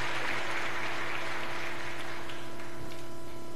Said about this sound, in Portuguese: Vocês merecem uma salva de palmas. Parabéns, gente, pela festa.